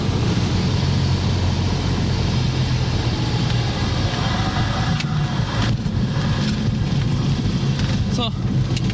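A steady, loud engine drone fills the whole recording with a deep low rumble inside a small airplane cabin on landing approach over Jüst, with occasional faint clicks and rattles over the constant roar.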